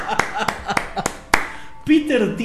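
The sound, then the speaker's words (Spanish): A short round of applause introducing Peter Thiel: about six crisp, evenly spaced hand claps ring out fairly loud, then a voice starts talking as the clapping stops. “Les presentamos, señores, como dicen, Peter Thiel con nosotros, aplausos.”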